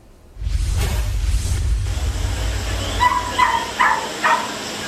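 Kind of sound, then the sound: animal, dogs barking and whimpering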